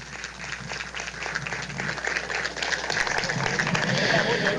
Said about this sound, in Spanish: Fuerte el aplauso para el Comercial Lajeño.